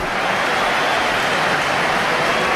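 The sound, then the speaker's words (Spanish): A stadium crowd applauds steadily during a football substitution, applause for player Hugo Duro, a dense, even wash of clapping and crowd noise that holds at the same loudness throughout, with no voices standing out. “Hay aplausos para Hugo Duro, yo creo.”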